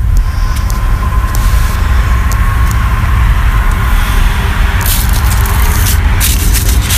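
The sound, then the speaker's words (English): A car drives past outside down the street, on Cherry, a steady low roar with hissing bursts toward the end, heard continuously over about seven seconds with no one speaking. “There's one that just went down our street.”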